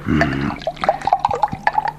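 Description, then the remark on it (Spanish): Water is poured into a cup or glass for someone to drink, with short bubbly gurgles and splashes over about two seconds after a brief low hum at the start. “Dame otra poca de agua que siento la garganta seca.”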